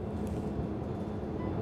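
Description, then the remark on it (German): A steady, low rumbling drone of a moving train heard from inside the driver's cab, driven by a 21-year-old trainee train driver from Schwerin on a route he has driven 10 times; the train later stops in Bad Klein. Continuous and even throughout, with no voices. “Der Zug hier, der hat in Bad Klein nachher einen etwas längeren Aufenthalt.”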